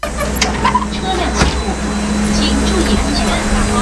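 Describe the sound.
A bus engine rumbles steadily, a deep, droning hum holding at an even loudness throughout, with faint, indistinct voices in the background: the last evacuation bus driving away at dusk, taking villagers to a shelter ahead of a typhoon.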